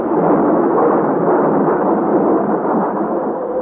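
Thunder rumbles through a hurricane storm with flashes of lightning, in a loud, continuous roar that stays heavy for the whole stretch, more a rolling wall of sound than distinct cracks, with no voices.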